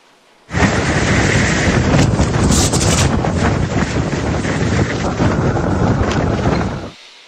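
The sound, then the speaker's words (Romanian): Strong sandstorm wind in a western region of Iraq, blowing at nearly 100 km/h, roars steadily and loudly, with heavy rumbling gusts buffeting the microphone for several seconds before cutting off abruptly; no voices are heard. “Acum imagini uluitoare vin din Irak, unde o furtună de nisip a lovit puternic o regiune din vestul țării.”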